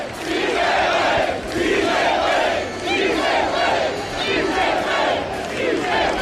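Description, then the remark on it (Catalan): A huge stadium crowd at Son Moix stadium roars in a sustained ovation for Martín De Michelis, loud and continuous for the whole stretch, with swelling waves of shouting and cheering and no pauses or distinct speech. “Enorme l'ovació que s'ha enduit Martín De Michelis, molt més important que l'altra vegada que va ser el seu primer partit a Espanya, contra l'Espanyol, perdó, i escoltat, som molts.”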